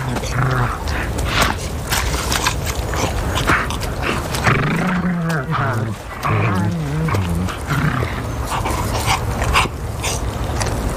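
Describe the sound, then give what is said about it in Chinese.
A pack of hungry wolves feeding noisily on a wild boar they have brought down, with overlapping snarls, low growls and whimpers running steadily throughout, plus tearing and scuffling sounds. A louder burst of rumbling growls rises near the middle. “扑倒野猪后，饥饿的狼立刻围拢过来，分食猎物。”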